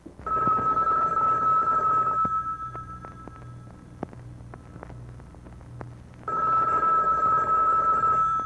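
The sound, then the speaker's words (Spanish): A telephone rings unanswered in two long bursts of steady, high electronic tone separated by a few seconds of quiet, fairly loud, with no one speaking. “Bueno, y es que nadie va a contestar. Y no está diciendo que nadie toque el cacho, pues. ¡Conteste!”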